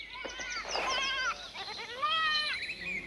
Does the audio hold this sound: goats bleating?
yes